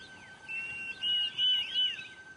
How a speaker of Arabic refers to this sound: الوغواغ الأفريقي ديدريك الموجود هنا للتكاثر خلال الرياح الموسمية هو تهديد للنساجين. ستطرد الإناث بيض الحائك وتستبدلها بواحدة من بيضها.